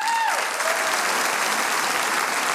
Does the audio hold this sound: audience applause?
yes